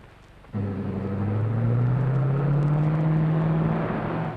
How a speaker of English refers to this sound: Hey, what car is that? Well, it's Mr. Kruger driving the roadster.